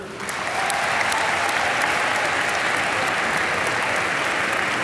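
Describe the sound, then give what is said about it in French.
At 4:30 pm, at the end of a written exam, the candidates break into sustained applause for themselves: dense, steady clapping that swells within the first second and holds at an even, loud level throughout, with no voices standing out. “Et on est allé jusqu'au bout, donc je voulais vous en remercier et je pense qu'on peut s'applaudir.”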